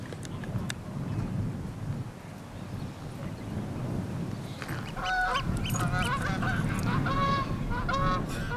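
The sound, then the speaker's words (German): A flock of geese honks repeatedly on a cattle pasture in the south of an island, in an open outdoor setting, the calls growing busier and louder in the second half over a low, steady rumble of wind. “Sie sind das Problem. Die Gänse.”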